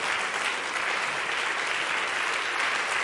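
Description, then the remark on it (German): Steady, dense applause from an audience in the large broadcasting hall on the Hallberg, for the Black Bläser Ensemble of the Hochschule für Musik Saar at the 2026 HFM Goes Radio on SR Kultur. A continuous bright wash of many hands clapping at an even loudness throughout, with no voices standing out. “Das ist euer Applaus.”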